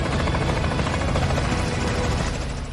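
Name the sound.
helicopter flying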